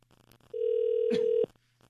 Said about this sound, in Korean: 신호 가고 있습니다.